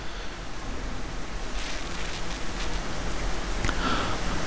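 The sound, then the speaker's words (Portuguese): Steady heavy rain pours down on a municipality in Rio Grande do Sul in a dense, continuous hiss, with scattered louder splashes and drips standing out against the constant wash of falling water. “Muito bem, agora são 9 horas mais 59 minutos e segue a chuva, segue chovendo forte aí no nosso município e também em todo o Rio Grande do Sul.”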